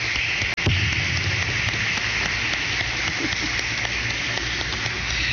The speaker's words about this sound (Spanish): Un aplauso de felicitaciones.